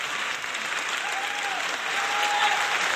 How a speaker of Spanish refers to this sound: Un fuerte aplauso a todos esos maestros y profesores